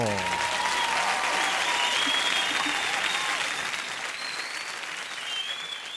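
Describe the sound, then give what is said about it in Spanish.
Steady, loud applause from a crowd on Radio Santa Fe, marking the start of the cantinazo segment; dense clapping sustained throughout with a few faint whistles or cheers riding on top, easing slightly toward the end. “Llegamos al cantinazo, señores, un aplauso.”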